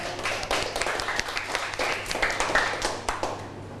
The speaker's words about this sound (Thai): ก่อนอื่นปรบมือเพื่อนหน่อยเร็ว